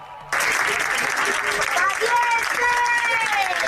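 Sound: crowd applauding and shouting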